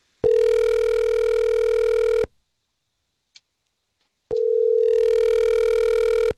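A telephone ringing tone heard down the line as the Star 101.3 radio show calls a woman: two long, steady buzzing rings separated by a two-second silence with a faint click, clear, with no voices.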